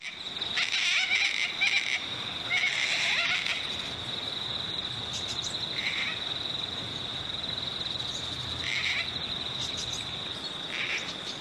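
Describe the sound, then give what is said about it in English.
Gang-gang cockatoo calls: a handful of scratchy, creaking squawks like a squeaky gate, spaced irregularly, over a steady high-pitched drone of insects with no talking. “I think it's often described as a squeaky gate, the gangang cockatoo call.”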